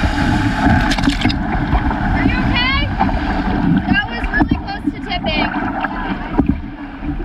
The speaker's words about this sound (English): On Lake Winnipeg, they paddled through large waves and almost capsized. All right, let's just paddle hard.